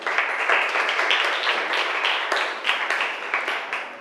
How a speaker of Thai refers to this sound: นักเรียนเก่งมากปรบมือให้เพื่อนหน่อยค่ะ